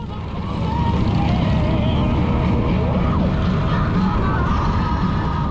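A Harley motorcycle engine rumbles steadily and loudly throughout, with a deep low-pitched drone and constant road and wind noise as the bike rides through the city streets of Madrid at night.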